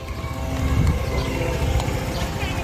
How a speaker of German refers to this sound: Beirut, Ende Mai 2026. Über der Stadt kreisen israelische Drohnen. Ihr Brummen gehört seit Monaten für die Menschen zum Alltag.